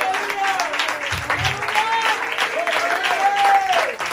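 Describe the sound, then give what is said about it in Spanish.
An audience applauding the Lord in a steady, dense wash of clapping, with voices calling out and singing over it throughout. “Entonces, mi amante, les aplauso al Señor, pues gloria al Señor.”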